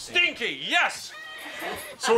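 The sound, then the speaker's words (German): A whinnying horse neigh, probably imitated by a human voice: a wavering, rising-and-falling pitch that is fairly loud, followed by breathy vocal sounds and a sharp burst at the end. “Diese Pferde und Reiter sind seit Tagen unterwegs.”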